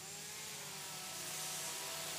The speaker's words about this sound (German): Hast du jetzt noch mehr Lust auf Kettensäge bekommen?